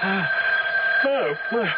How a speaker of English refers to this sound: The phone, it's ringing. Well, what time is it? It's 3:30 in the morning. Well, who could be calling us now?